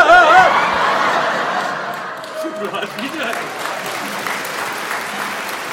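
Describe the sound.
An audience bursts into applause mixed with laughter, loudest at the start and tapering slightly while clapping continues steadily, with a few voices murmuring through the crowd noise.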